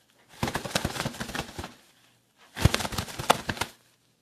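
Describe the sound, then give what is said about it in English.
Two bursts of rapid, papery fluttering, each lasting over a second with a short pause between, a person imitating the flapping of bird wings. “Yeah, so I'm going to create the sound of bird wings flapping.”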